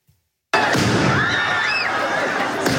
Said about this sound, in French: Des tirs de mortier entraînent un mouvement de foule dans le quartier Saint-Germain.